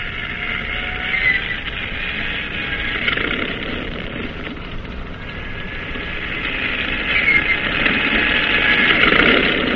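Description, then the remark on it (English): Propeller plane engines on a cruiser's catapult sputter and roar into life, a steady droning rumble that builds louder over several seconds, with no voices. “Start engine. Stand clear. Turn over.”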